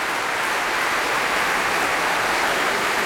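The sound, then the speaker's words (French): Sustained, dense applause from a large concert audience at the Festival Radio France Occitanie Montpellier, strongly applauding baritone Stéphane Degout after he sang Schubert lieder: a steady crackling wash of many hands clapping at an even loudness throughout, with no voices. “Pour lequel il est fortement applaudi ici par le public du Festival Radio France Occitanie Montpellier.”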